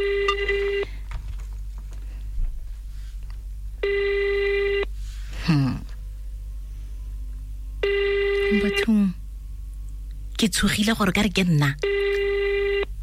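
A phone ringback tone sounds in steady, evenly spaced bursts, four rings over several seconds with no answer, while a voice makes brief exclamations in the gaps between rings. The call is to a prize winner, live on the radio station Yarn FM.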